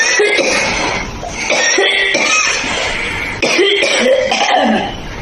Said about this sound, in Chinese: 五段咳嗽的声音，大家选一选，哪一种咳，大家觉得相对来讲比较严重？